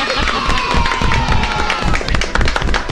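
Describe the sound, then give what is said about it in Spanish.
A group of children clapping in a dense, irregular patter that holds steady for a few seconds, mixed with excited voices and some cheering. “Y los niños aplauden.”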